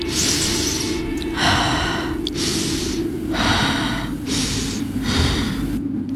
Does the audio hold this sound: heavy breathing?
yes